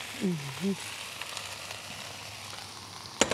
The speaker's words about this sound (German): Dann braten wir hier unsere Brotcroutons an. Die schneide ich einfach in so große Stücke, ein bisschen schräg zu, dass wir nachher so ein knuspriges Element mit drin haben. Also auch mit ein bisschen Olivenöl.